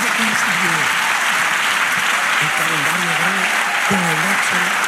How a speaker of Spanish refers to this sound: Dale aplauso al Señor.